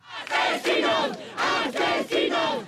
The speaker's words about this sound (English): Murderers, yell protesters in Spain's capital, Madrid, as police carry an 87-year-old woman out on a stretcher from her home of more than seven decades.